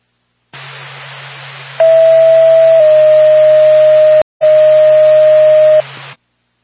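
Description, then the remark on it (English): Radio dispatch alert tones for Lancaster Ambulance: a steady mid-pitched tone that steps up slightly partway through, cut briefly by a click, then resuming, all over a constant bed of radio hiss and hum. “Back to Lancaster Ambulance, stand by for tone.”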